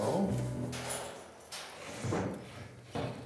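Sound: door being closed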